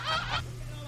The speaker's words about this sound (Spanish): Pinche gallina. Nos vino a distraer.